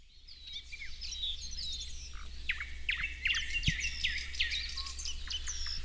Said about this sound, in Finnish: On täällä hieno aamu. Taivas on vähän harmaa, mutta on lämmintä ja linnut on aika hyvin äänessä. Kyllä, tässä on satakieliä ja rastaita ja harmaasiepot myös äänessä. Parikkalan Siikalahdella siis ollaan.